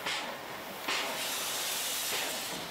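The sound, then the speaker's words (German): A steam locomotive, the TKI 387 built in 1908, hisses steadily with a broad, breathy rush of released steam, swelling in short bursts at intervals, fairly loud with no talking, as it is turned on a turntable onto the right track at a steam locomotive depot. “Gerade wird die TKI 387, älteste Dampflok im BW, auf der Drehscheibe ins richtige Gleis gesetzt.”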